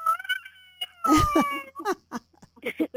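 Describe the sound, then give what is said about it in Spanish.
A young child, the speaker's brother, cries: a wavering, high-pitched wail swells into a louder, strained sob, then breaks into short, choppy whimpers. “A ver, ¿quién está llorando allí? Mi hermano.”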